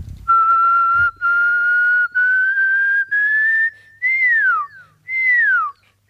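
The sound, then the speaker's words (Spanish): A person whistles an imitation of a pearl-spotted owl call: a series of sustained, clear notes that step higher by half tones, ending with two downward-sliding whistles. No talking over it. “luego cuando llegué a casa estoy investigando un poco y se trataba del Pearl Spotted Owl, que creo que traducido es el búho perlado, algo así, con motas.”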